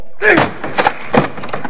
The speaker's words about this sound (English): Well, then, come on, man. Help me break down this door. Right. Once more ought to do it.